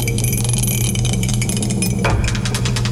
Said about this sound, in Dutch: Let op, komt ie! De dobbelsteen erbij. Ik zet de galm weer aan. Daar komt die.